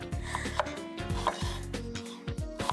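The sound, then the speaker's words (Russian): A knife shreds an onion on a wooden board: a steady series of scraping, rasping cuts at an uneven rhythm, each stroke a dull rub against the wood, with no talking. “Сегодня мне досталось шинковать лук.”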